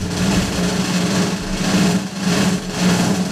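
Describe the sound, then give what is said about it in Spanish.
A small motorcycle engine runs loudly, its buzzing pitch rising and falling in repeated revving surges with no voices over it. “Fuera una moto.”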